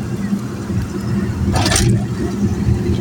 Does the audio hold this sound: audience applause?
no